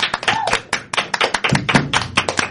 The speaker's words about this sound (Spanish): Que se escuche ese aplauso. Hoy tiene que escucharse, por favor.